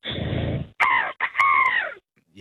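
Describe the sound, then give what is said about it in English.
A person imitates an angry seagull with gritted teeth, letting out a harsh, strained squawk followed by two shrill, wavering cries in quick succession, loud, with no other talking. “Angry seagull. Get some anger in you.”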